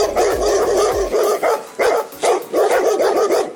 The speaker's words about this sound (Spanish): Exactamente, empieza nuestro perrito con un ruido suave, luego sube el volumen, le contesta el perro del vecino y en menos de un minuto parece que vivimos en medio de un bosque lleno de lobos.